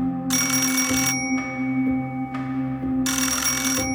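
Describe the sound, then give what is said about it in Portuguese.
A telephone bell rings in two loud bursts, each under a second long, separated by a pause of a couple of seconds, over a low steady hum; it is the phone in the Silva Pais house on Rua de Moçambique at 3:56 a.m. on 25 April 1974. “Toca o telefone na casa dos Silva Pais, na rua de Moçambique.”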